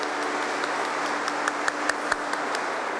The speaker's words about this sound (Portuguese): Uma salva de palmas para todos nós.